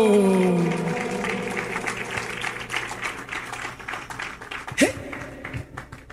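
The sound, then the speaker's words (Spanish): An audience breaks into steady applause, a dense patter of many hands clapping together for several seconds, with a brief voice or tone at the start and a louder burst near the end. “Chillar aplauso.”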